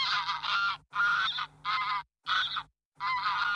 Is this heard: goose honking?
yes